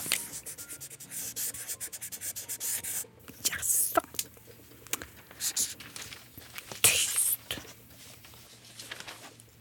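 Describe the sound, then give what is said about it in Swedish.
Quiet, scratchy rubbing strokes of a felt-tip pen drawing snow on paper, in short irregular bursts with brief pauses, soft. “Att hon inte ska trycka för hårt, för då blir spetsen tuffsig.”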